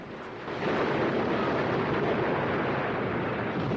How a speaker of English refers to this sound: Spray thunders over the Bounty, and a cage containing a pig is swept away by gushing water. Buffeted and rocked by the stormy sea, foaming water gushes over the deck. A man grabs a rope just in time to avoid being swept away by another heavy surge.